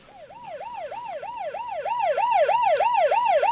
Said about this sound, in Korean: 1층 엘리베이터에서 내리자 사이렌 소리가 크게 들렸다.